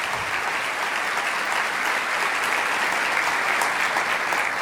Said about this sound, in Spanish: Vamos, dale ese aplauso.